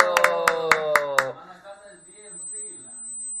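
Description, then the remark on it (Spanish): On the Christian radio programme Impacto y Alabanza, seven or so sharp, evenly spaced claps ring out over a sustained voice, applauding a caller who gave the phrase, then stop after about a second, leaving quieter murmuring and a faint high tone. “¡Eso, ¡oh! un aplauso!”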